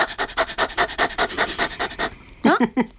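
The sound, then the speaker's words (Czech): A person imitates a dog's rapid panting as a warm-up exercise to activate the diaphragm, quick rhythmic breathy huffs repeating steadily for about two seconds, followed by a brief burst of voiced, sing-song vocalizing. “Jo, a taky nejlepší je na rozhýbání, tak je dělat takovýho toho psíka.”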